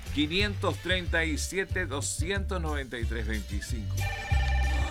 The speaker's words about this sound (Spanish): Nosotros devolvemos los llamados. Ahí está entrando uno